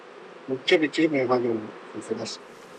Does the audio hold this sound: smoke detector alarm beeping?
no